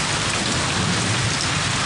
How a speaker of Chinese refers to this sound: 我不管，我今天你说什么，今天不停雨你不能出去。